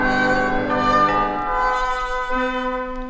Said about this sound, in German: Wenn alles still ist noch in der Früh, dann hört man die Glocken läuten. Von der Kirche her, so wie am Land, wie damals zu Kindheitszeiten.